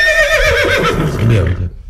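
A horse whinnies loudly, a single shrill, quavering neigh lasting about a second and a half before trailing off into silence.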